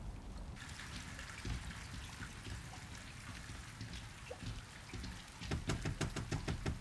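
Heavy rain pours steadily through a storm, a dense hiss with low rumbling underneath, then a burst of sharper, crackling splashes near the end. No one speaks.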